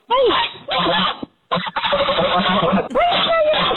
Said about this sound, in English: That's the old goose. That's right. Young goose, rather. You remember. Oh. Yep, there you go. Mm-hmm. There it is again.